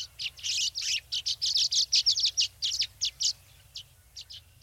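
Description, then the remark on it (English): Rapid, high-pitched chirps and twittering calls from scores of violet-green swallows arriving from their winter homes thousands of miles to the south, swirling and swooping; a lively burst of overlapping notes that thins to a few scattered calls, with a faint low rumble underneath. “We looked up to see scores of violet-green swallows arriving from their winter homes thousands of miles to the south.”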